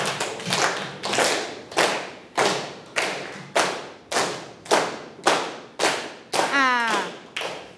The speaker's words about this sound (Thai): ไหนลองปรบมือสิคะ